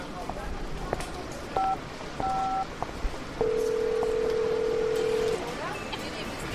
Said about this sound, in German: Das klingt wie Eikos Handy.